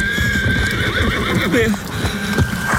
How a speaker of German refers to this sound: Näherten sich ihm von hinterrücks in großer Geschwindigkeit Pferd und Reiter. Beide waren unglaublich groß.